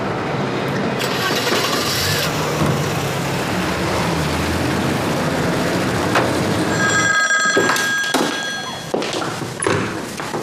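A telephone rings out clearly over steady street-like background rumble, its bright bell tone starting partway through and repeating with a few thuds and knocks around it.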